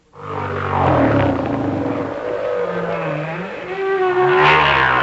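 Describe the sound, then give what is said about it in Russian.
A giant humpback whale sings in long, sweeping tonal moans that glide up and down in pitch, rich and resonant, continuing without pause for several seconds with no voices present. “Вначале голос гигантского горбатого кита.”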